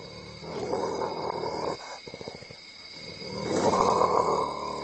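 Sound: african civet threatening growl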